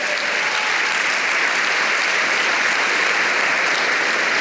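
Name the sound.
audience applauding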